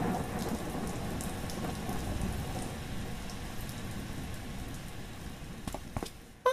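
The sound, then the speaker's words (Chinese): Steady, dense rain pours down after thunder in Fengxian prefecture, a long-awaited rain, with a constant hiss and patter, broken by a few sharper splashes near the end before a brief loud burst. No one speaks. “哎呀，下雨了， 下雨了， 多谢佛祖，多谢神僧。”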